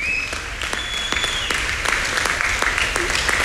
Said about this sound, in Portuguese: Obrigado pela vossa presença, porque é muito bom vermos o Jardim do Cardal cheio de pessoas, e vocês é que são a recompensa do trabalho destes jovens talentos, e para vocês uma salva de palmas por esta noite magnífica.